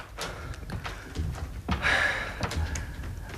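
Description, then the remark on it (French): A door thuds shut, then a short metallic scrape and squeak as bolts slide home, followed by a few sharp knocks and clunks, with no voices. “Eh ben alors ouvre. Referme. Pousse les verrous.”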